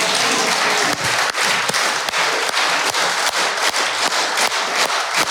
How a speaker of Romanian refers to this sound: Colegi, haideți să aplaudăm aici curajul ucrainenilor, să le mulțumim pentru vitejie și pentru rezistență.